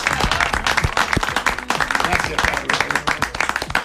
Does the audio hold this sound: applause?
yes